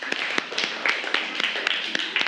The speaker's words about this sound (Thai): โอเคปรบมือให้เพื่อนหน่อยครับ